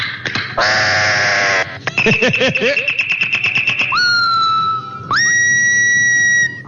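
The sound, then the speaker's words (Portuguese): A songbird sings a varied, loud phrase: a harsh buzzy burst, then a rapid ticking trill under a steady high note, ending in two long, bright whistles that swoop upward. “Escutar o canto desse passarinho.”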